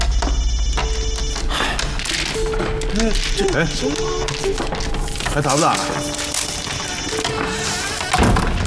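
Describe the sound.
A mobile phone rings during a mahjong game, a bright, repeating melodic ringtone that goes on for several seconds, fairly loud, over background clatter and murmuring voices.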